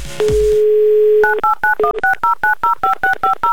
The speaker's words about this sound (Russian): Набрали номер